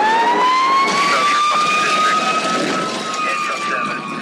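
A fire engine siren wails loudly, its tone holding high and slowly rising and falling over a dense, noisy background for the whole stretch, in a piece about firefighters in Mexico.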